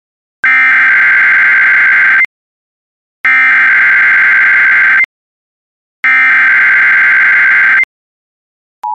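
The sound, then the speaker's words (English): Three loud, harsh, buzzy electronic bursts, each about two seconds long and evenly spaced by short silences, followed by the start of a steady mid-pitched alert tone: an emergency broadcast signal preceding a National Weather Service severe thunderstorm watch bulletin for counties in Maryland and Virginia. “The following emergency bulletin may affect your area.”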